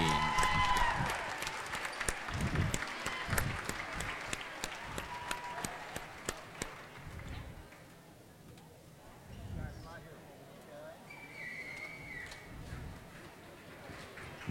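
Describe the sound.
A crowd applauds loudly with dense, rapid clapping that carries on for several seconds before thinning out and fading, while voices murmur and talk underneath.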